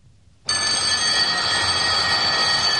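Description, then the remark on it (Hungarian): A school bell abruptly starts ringing after a brief hush, calling pupils to class, a loud, continuous shrill buzzing ring with bright metallic tones that holds steady to the end, with no voices. “Amit jól is tett, mert abban a pillanatban megszólalt az órára hívó csengő.”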